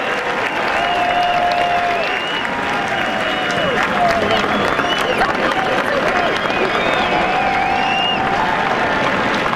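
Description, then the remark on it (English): A golf gallery at the Memorial Tournament breaks into loud, sustained applause for the winning putt on the second playoff hole, dense clapping mixed with cheers and a few whistles, steady for the whole stretch with no pause. “Clap, clap, clap, clap.”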